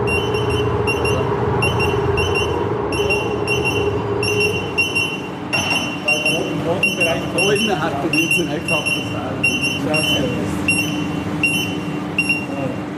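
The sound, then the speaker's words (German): A solvent gas warning device's alarm buzzes in rapid, repeating bursts of shrill electronic beeps, steady and loud throughout, over a low background rumble, with people talking underneath partway through, warning of explosion danger from solvent in the air in a gunpowder production room. “Und tatsächlich passiert es dann, dass das Warngerät Alarm schlägt und wir aus dem Raum müssen wegen Explosionsgefahr.”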